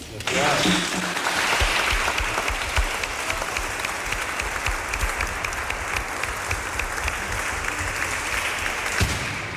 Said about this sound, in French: Et donc, je vous demanderai d'applaudir très fort Fabrice Billon pour tout ce qu'il a accompli et tout ce qu'il portait avec lui.